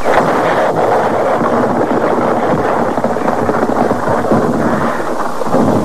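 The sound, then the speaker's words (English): A loud explosion blows up the professor's machine, roaring on as a thick, sustained rumble with crackling debris, holding steady for several seconds with no voices over it. “There's a good 5 feet left before she blows.”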